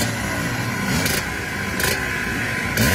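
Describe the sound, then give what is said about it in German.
Historic racing motorcycle engines at the Vintage Trophy race for historic motorcycles in Zschopau, in the Erzgebirge, rev loudly and continuously, the roar swelling in repeated bursts before climbing sharply in pitch near the end. No one speaks. “Und schon seit Tagen sind die Maschinen dort zu sehen und vor allem sind sie auch zu hören.”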